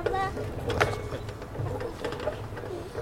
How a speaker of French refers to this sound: Maintenant, le bruit du grincement du poteau de la balançoire.